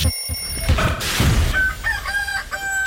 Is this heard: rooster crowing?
yes